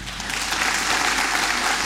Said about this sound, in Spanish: Y lo aplaudan porque si no